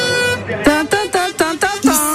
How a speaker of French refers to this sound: Bah, j'entends plutôt de gros klaxons dans mes oreilles, dans nos oreilles à toutes et tous. Et là, un klaxon assez particulier, je sais pas si vous l'entendez.